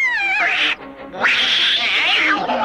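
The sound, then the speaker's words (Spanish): Azrael, the cat from The Smurfs, yowls loudly in two drawn-out, wavering cries separated by a brief pause, the second rising sharply and sustained before trailing off. No speech. “¡Cuidado, tonto gato!”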